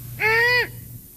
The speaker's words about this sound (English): That's an odd sound most of us wouldn't hear. There, that's the one you hear the most. It's a five. Yeah, it just gives you that feeling of being in the woods at night right away. That's the sound of a female great horned owl.